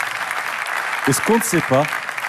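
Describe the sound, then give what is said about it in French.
A crowd applauds steadily throughout for the 230 professionals of La Pommeraye, a dense wash of clapping, while a voice briefly calls out over it midway. “Ils méritent des applaudissements, s'il vous plaît.”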